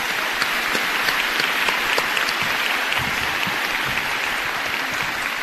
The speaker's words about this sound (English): We also have many student organizations here today, student ambassadors, our band, our ROTC, and our cheerleaders. Let's give our students a big round of applause.